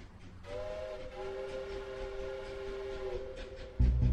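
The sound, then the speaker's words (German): A train whistle sounds a long, steady, multi-toned blast over the low rumble of a train rolling on rails, ending as a louder clattering burst of wheel noise takes over. “Der Zug trägt es fort.”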